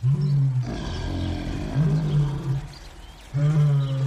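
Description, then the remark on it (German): Lions in a pit roar loudly in deep, rumbling bursts, three heavy roars rising one after another over a continuous growling undertone, with no talking. “Und dann haben die Löwen wild gebrüllt.”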